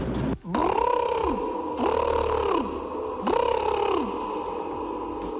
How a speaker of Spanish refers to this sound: El animal parece un pavo real. ¿Puede ser un pavo? ¿Y el sonido podría ser un pavo real?